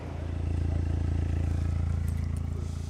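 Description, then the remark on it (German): A car engine idles steadily with a deep, pulsing exhaust rumble, loud and continuous, its rhythmic low throb holding even throughout with faint clatter on top, as police officers measure the exhaust noise level with a calibrated meter, the microphone set 50 cm from the end of the rear silencer at a 45-degree angle. “Das geeichte Gerät beweist den Beamten, ob das Auto zu laut ist.”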